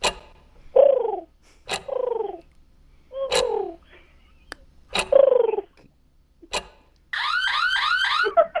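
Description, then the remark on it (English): A person in a studio imitates a pigeon call as a five-second talent, with four throaty, falling coos separated by sharp clicks, then ends on a higher, rapid warbling trill, fairly loud with no talking. “I could do a pigeon call.”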